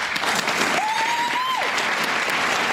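Steady, dense applause from a large theatre audience at the premiere of the play Vor dem Fall at the Kammerspiele, loud and continuous throughout, with a brief sustained whistle-like tone rising out of the clapping in the middle.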